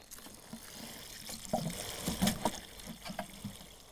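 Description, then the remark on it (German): Lots of water is poured from a watering can onto freshly fertilized potting soil around a newly planted blueberry bush in a garden, a soft continuous splashing and trickling that swells in the middle, with a few light knocks and rustles and no talking. “Soll ich gießen? Ja, gieß du mal. Ganz viel Wasser drauf, hopp.”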